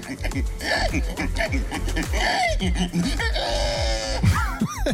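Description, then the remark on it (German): A man's voice imitates a pig: the winner of a contest in Estonia for who could best imitate a pig. He makes a rapid series of deep, rough grunts and snorts that rise into a higher, sweeping squeal near the end. The imitation continues without pause and is fairly loud throughout. “Nämlich, es ging darum, wer am besten ein Schwein nachmachen kann.”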